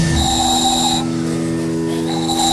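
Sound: handmade whistle being blown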